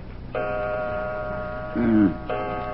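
A clock in a harbor tavern strikes two o'clock, with two resonant, bell-like chimes about two seconds apart, each ringing with sustained overtones. A brief low murmur sounds between the strikes.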